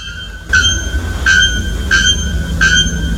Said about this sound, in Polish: Pierwszy to dzwonnik nagoszyi, ptak zamieszkujący atlantyckie lasy Brazylii, znany ze swojego donośnego metalicznego śpiewu.